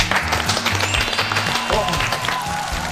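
An audience applauds steadily for about three seconds, a dense, even patter of many hands clapping at a fairly loud level, with some low background sound underneath.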